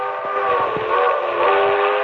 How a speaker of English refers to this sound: A train. If I can make that train. It's a quarter mile along the edge of the field of the tracks.